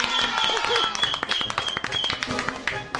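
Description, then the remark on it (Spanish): A small group of children claps after a joke in a quick, uneven burst of applause, the claps fairly loud, with excited high voices calling out over them. “¡Y los niños aplauden!”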